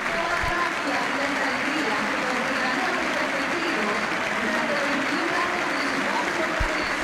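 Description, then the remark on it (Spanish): Sustained applause from a large crowd standing in El Monumental stadium to honor Messi in the 10th minute of a match, a dense steady wash of clapping and cheering at even loudness throughout, with no clear voices standing out. “Minuto de reconocimiento para Messi, la gente de pie, la gente lo aplaude.”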